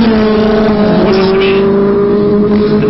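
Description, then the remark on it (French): A Yamaha 750 racing motorcycle engine, capable of over 300 km/h, roars loudly during speed record trials, holding a steady, high-pitched whining drone with a slight shift in pitch partway through. “La moto, une 750 Yamaha, sa vitesse plus de 300 km/h.”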